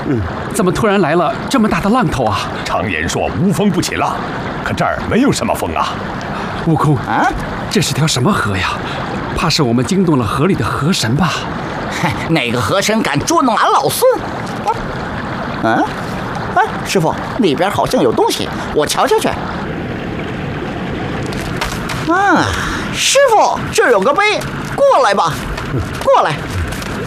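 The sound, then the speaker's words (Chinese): Heavy river water surges and churns continuously, with dull thuds and splashes as large waves roll in on the river named on a sign as the Tongtian River (铜天河), while several voices cry out over the loud, turbulent rush. “怎么突然来了这么大的浪头啊？”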